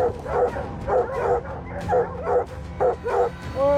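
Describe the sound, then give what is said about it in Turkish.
Several hunting dogs, trained to hold their place while the mountain lion stays treed, bark and bay excitedly in repeated bursts at a mountain lion up a tree, with overlapping yelps and whines, over low outdoor background noise. “Köpekler dağ aslanı ağaçta kaldığı sürece yerlerini koruyacak şekilde eğitildi.”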